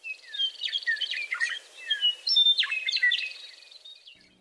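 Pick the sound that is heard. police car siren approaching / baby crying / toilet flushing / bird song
bird song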